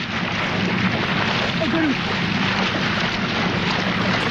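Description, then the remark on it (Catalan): At night in Australia, a man who jumped from a small boat wrestles and holds a large crocodile in the water: loud, steady splashing and churning continues for the whole few seconds, a dense rushing wash with brief thrashing surges. “O sigui, aquest xipolleig és ell dins l'aigua abraçant un cocodril, eh?”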